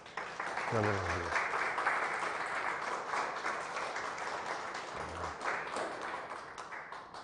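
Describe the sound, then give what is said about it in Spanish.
A crowd claps steadily and fairly loudly for several seconds in applause for Christ, a dense continuous wash of applause with a couple of brief voices or shouts rising through it. “Un aplauso a Cristo.”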